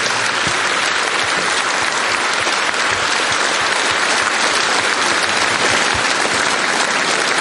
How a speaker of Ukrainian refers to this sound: Дякую вам за такі бурхливі оплески.